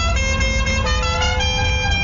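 Loud, sustained car horns blare nonstop over a low engine rumble, their tones overlapping and shifting partway through, like a jam of honking traffic.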